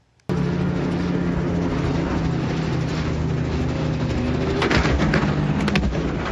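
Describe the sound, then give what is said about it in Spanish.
A helicopter's engine and rotors roar loudly and steadily after a sudden start, with a brief rougher, clattering burst near the end as the helicopter hits cable car cables and crashes, over 4,000 feet up in a mountainous area of northern Italy. No one speaks. “Dos personas murieron cuando el helicóptero en el que viajaban chocó contra los cables de un teleférico y se estrelló en el norte de Italia.”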